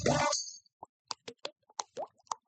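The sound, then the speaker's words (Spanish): A dripping faucet: after a brief loud burst, about a dozen small plopping drops fall one after another at an uneven pace, each a short hollow plink of slightly different pitch. “Una pluma goteando desperdicia diariamente hasta 100 galones de agua.”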